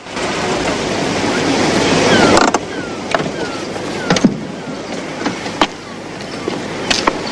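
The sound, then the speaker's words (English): A car rolls slowly over crunching gravel onto a parking space opposite a large white building with a red hotel sign, the loud grinding texture cutting off abruptly as it halts, followed by a few quiet clicks and knocks in the stillness. “The dog casually steps aside, then the car comes to a stop, on a gravel parking space opposite a large white building with a red hotel sign.”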